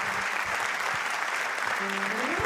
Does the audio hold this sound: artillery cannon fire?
no